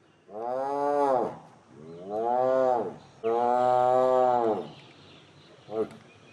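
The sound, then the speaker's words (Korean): A captured, caged tiger that attacked a person roars three times in long, loud, drawn-out bursts, each about a second long, followed by a short grunt, with no talking. “사람을 해친 호랑이는 바로 포획해 가둔다.”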